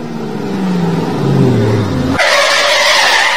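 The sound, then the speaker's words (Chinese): A car engine winds down as it brakes, then a sudden loud, sustained, harsh tire screech cuts in and holds for about a second, with no voices. The car's brakes do not hold steady and its brake pads are slightly cracked. “师傅，车子刹不稳，您帮看看什么问题啊？”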